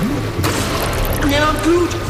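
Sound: rushing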